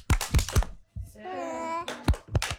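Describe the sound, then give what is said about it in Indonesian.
Sharp claps in quick groups of three, separated by a short sung or chanted child's voice: kindergarten children at TK Kemala Bayangkari doing the "tepuk semangat" (spirit clap) rhythmic clapping game. “Oke, kita sama-sama ya. Dilepas mic-nya sayang. Oke. Tepuk semangat.”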